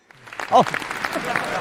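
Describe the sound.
The audience of a crosstalk (xiangsheng) show on Tianjin TV applauds steadily as performers take the stage, a dense patter of clapping that holds for the whole stretch, with a brief voice calling out near the start.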